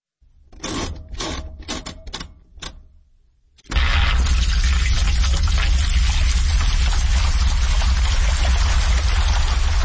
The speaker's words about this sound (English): This is a washing machine, and it's been turned into music.